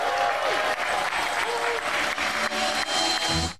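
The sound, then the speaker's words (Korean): Dense, sustained applause and cheering with whoops from a large crowd as the Samsung Galaxy Z Fold 8 is unveiled at the Samsung Unpacked event in London, UK. Loud and steady throughout before cutting off abruptly at the end. “삼성전자 언팩의 주인공 갤럭시 Z 폴드 8이 영국 런던에서 베일을 벗자 환호가 터져나옵니다.”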